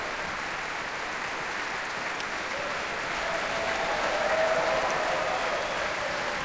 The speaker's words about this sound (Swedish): Och när de här entusiastiska applåderna så småningom tar slut